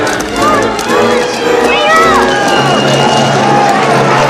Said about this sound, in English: An angry mob swarms the street. Flames engulf a trolley car.